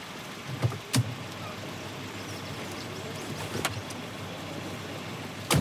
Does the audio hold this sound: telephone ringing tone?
no